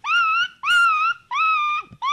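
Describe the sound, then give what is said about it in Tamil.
A school student doing mimicry imitates an injured dog whimpering: four high, drawn-out whining cries in quick succession, each about half a second, steady and fairly loud, with short pauses between them. “டேய், இது பேர் அடிப்பட்ட நாயிடா.”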